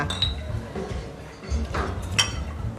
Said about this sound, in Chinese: 来来，干杯！